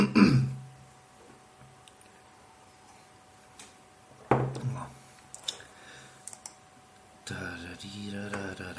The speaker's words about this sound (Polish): Co tak kaszle? Kaszle, bo jest sucho w mieszkaniu i muszę walnąć na wilżacz. No, to wtedy nie będę tak kaszlał.